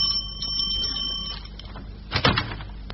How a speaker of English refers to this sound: You rang, sir? No, it was the bell.